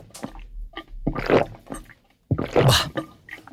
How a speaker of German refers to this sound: Jetzt schudert es mich. Wenn jemand laut abschluckt beim Trinken oder beim Schlürfen, das ist wirklich mein Kryptonit.